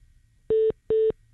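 A telephone line tone sounds as two short, identical steady beeps with a brief pause between them, clear and fairly loud over a faint low background hum, with no one speaking.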